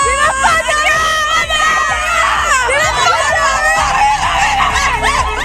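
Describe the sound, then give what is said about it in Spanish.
A loud, dense crowd in the Toledo province of Spain screams and cheers Ferran's goal for Spain, many voices overlapping in excited, rising yells that carry on without a break, energetic throughout. “Ayer Toledo, Talavera y toda la provincia gritó con el gol de Ferran y celebró esa victoria que nos da la segunda estrella en la camiseta.”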